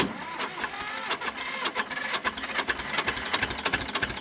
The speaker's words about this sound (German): Ein Traktor aus dem Jahr 1965 tuckert über das Festivalgelände. Eine von vielen alten Landmaschinen, die sich in diesen Tagen durchs kleine Vogtlanddorf Stelzen bewegen.